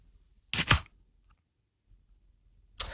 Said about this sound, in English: As I crack a can into the microphone here, you tell me if it is beer or soft drink.